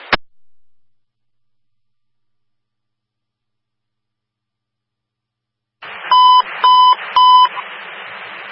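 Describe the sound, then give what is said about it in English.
A fire dispatch alert tone, the preliminary signal for a level 3 response to investigate a commercial alarm activation at 307 Porter, Mary Agnes Manor: three sharp, evenly spaced electronic beeps over a radio hiss, preceded by a click and a long stretch of silence. “Preliminary signal, level 3 response, investigate a commercial alarm activation to number 307 Porter, Mary Agnes Manor, looking prospect to Fargo, let's go for engine 19, engine 21, letter 4, B44.”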